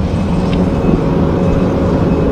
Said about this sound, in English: Not crickets, just the sound of construction. And even though our reporter could somewhat hear murmurs of a voice, people walking by were going about their day as if nothing was happening.